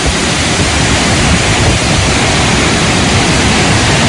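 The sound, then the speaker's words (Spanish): Loud, steady roar of water gushing down a waterfall as saturated cave networks expel all their water at once, the so-called 'reventón'; a dense continuous rush that stays constant from start to finish with no voices. “se saturan, se llenan, y entonces expulsa todo el agua de un tirón, y es el famoso reventón.”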